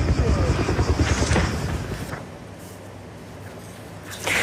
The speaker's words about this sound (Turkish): Diğer helikopter ise yüklü olan suyu boşaltarak noktadan uzaklaştı.